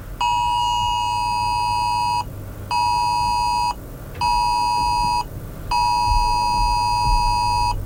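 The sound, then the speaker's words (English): A loud electronic phone emergency alert test tone blares in four long, evenly spaced bursts, each a harsh steady harmonic beep lasting about a second or two, with short gaps and a low rumble of background noise. “Yeah, and it's going to be every phone. For 10 seconds”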